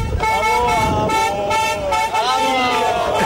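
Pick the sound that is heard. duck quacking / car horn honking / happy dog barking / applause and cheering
car horn honking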